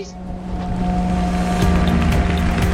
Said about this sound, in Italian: Scusate ragazzi, bisogna che vi saluti in fretta perché devo ritornare al largo con il mio amico che ha il motoscafo, perché lui è fissato con la velocità